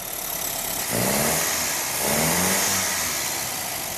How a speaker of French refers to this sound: À l'atelier, une fois le radiateur et l'échappement posés, Fuzz peut entendre pour la première fois la voix du moteur complet avec ses 1300 cm3. Bien, on va écouter ce qu'il a dans le ventre, en espérant que...